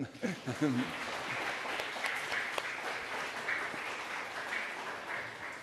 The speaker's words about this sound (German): Ein Applaus für Tim, bitte.